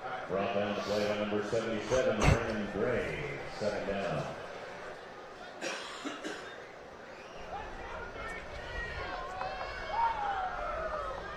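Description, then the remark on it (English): The Castle football crowd cheers in a steady, broad roar that swells briefly and then settles after tailback Daryl Bacon's 9-yard run, while a man commentates over it throughout. “Get a big cheer from the Castle crowd.”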